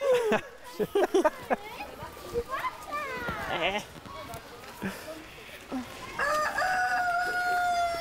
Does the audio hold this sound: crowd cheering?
no